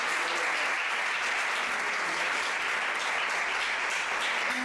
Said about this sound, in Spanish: Un aplauso para Cervantes.